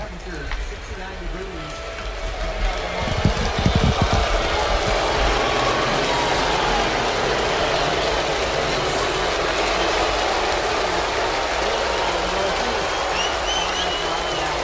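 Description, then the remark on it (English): A large stadium crowd at Fenway reacts to Rafael Devers, appearing for the Giants, with a steady wash of clapping mixed with drawn-out, low booing, half the crowd standing and clapping, a dense roar that swells slightly in the first few seconds and then holds loud and constant. “Well, half standing and clapping, and as you can hear, plenty of boos.”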